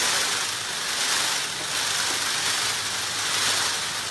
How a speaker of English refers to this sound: Peafowl also do a special wing shake, which seems to hit that same sweet spot. Scientists aren't quite sure how the train rattle love buzz fits into peacock mating behavior, but for the first time, we're starting to listen in.